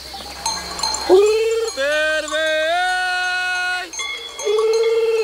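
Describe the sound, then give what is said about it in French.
A shepherd imitates a lamb's gurgling bleat to call his ewes, in long, wavering calls: a short opener, then a sustained call and another starting near the end, loud, with a faint bell-like ring behind. “C'est le gargouillis de l'agneau. Et du coup, nous, on le prend pour appeler les brebis.”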